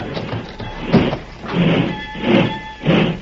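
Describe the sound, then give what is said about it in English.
A heavy boxcar sliding door is pulled shut, grinding and rumbling along its track in several long, rolling surges, with a thin metallic squeal running through the scraping. “Better pull the door”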